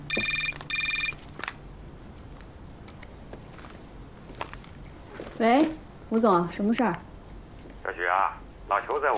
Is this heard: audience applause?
no